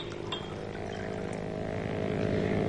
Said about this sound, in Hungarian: Mi az a felesége, Mrs. Wade, motorcsónakon érkezik? Nem hiszem. Valaki vizisízik a tavon.